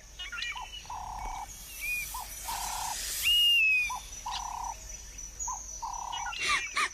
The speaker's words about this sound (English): The honeyguide bird chirped, flapping its wings.